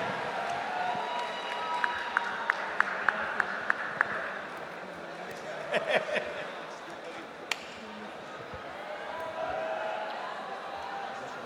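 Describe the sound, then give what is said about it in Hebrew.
An audience applauds with a steady wash of crowd noise, welcoming the programs and news director of the Kol Chai station onto the stage. Scattered sharp claps stand out near the start and midway, and the clapping stays moderately loud throughout. “ואני רוצה שתיתנו לו הרבה מחיאות כפיים, בבקשה”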